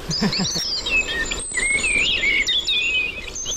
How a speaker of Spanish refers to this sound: Mirlo común.